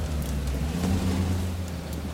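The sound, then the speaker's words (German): A car engine drones with a low, steady, labored hum as it struggles up an incline in fog, while a soft hiss of rain runs underneath throughout. “Hören Sie den Wagen?”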